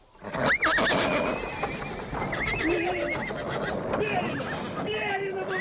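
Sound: horse neighing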